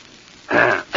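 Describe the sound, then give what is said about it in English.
A short, rasping throat-clearing cough bursts out after a moment of quiet, fairly loud, with the start of another catching at the very end. “Pardon me. I need a cough drop.”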